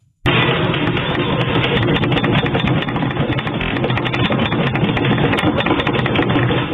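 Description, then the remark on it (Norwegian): A deep, continuous rumbling with a rattling, vibrating texture starts abruptly and holds loud and steady for several seconds: a magnitude 4.3 earthquake shaking an apartment living room in Bodø, Northern Norway, around 23:00, with its epicentre in the sea off Meløy. No voices are heard. “Et jordskjelv med styrke 4,3 rystet Nord-Norge i 23-tida i går kveld.”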